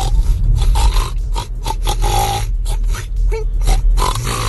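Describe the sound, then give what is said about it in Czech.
A contestant in a pig-imitation competition produces a loud, continuous stream of rough, rapid grunts and snorts broken by brief higher-pitched squeals, with no other speech. “Mám takový pocit, že čím ta soutěž vlastně nabírá na intenzitě, tak tím ty prasata jsou prostě vymazlenější.”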